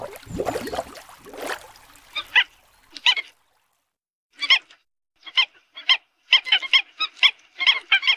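Mute swans at the Wuliangsuhai wetland give a series of harsh, nasal honking calls in irregular bursts, some quick and overlapping, after an opening stretch of rough, rushing noise, with no voices.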